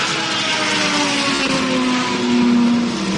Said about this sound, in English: It's just fuel going in as it continues to get loaded in. Engine fires up and off and away Toby goes once again.